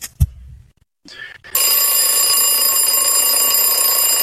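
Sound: alarm clock ringing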